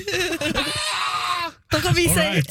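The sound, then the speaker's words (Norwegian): A man lets out a long, strained, high-pitched scream in the manner of the classic Wilhelm scream, breaks off for an instant, then cries out again more raggedly. “Det var veldig Wilhelm Scream av det.”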